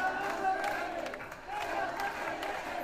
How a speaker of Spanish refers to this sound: En Badajoz, miles de pacenses se concentraban en la Plaza de España de la localidad pacense. Tras escuchar el himno ceutí, hubo un minuto de ovación y gritos de Ceuta no se vende, Ceuta se defiende.